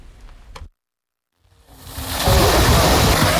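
Busy, continuous splashing of water as Israeli settlers splash in a pool at a Jordan Valley archaeological site in the occupied West Bank on a sweltering day, fairly loud, building up after a brief silence into a steady watery wash with no voices.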